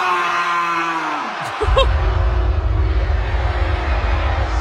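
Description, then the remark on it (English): A person imitates a sheep, letting out a drawn-out, wavering bleat that slides downward, before a loud, steady low rumble of noise takes over. “who decided to sound like a sheep.”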